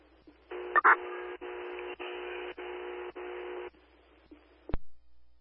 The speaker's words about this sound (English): Conducting daily radio and tone equipment testing with Station 2.